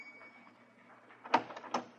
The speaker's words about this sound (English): Once in a long while, the doorbell would jangle